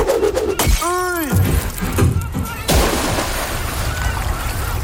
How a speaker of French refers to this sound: la bouteille de champagne qu'on casse sur la coque pour inaugurer le bateau. Je baptise maintenant ce bateau RMS Titanic.